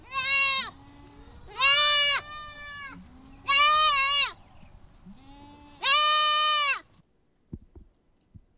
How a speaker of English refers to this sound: But that is the sound of a goat, well, a kid. A baby goat.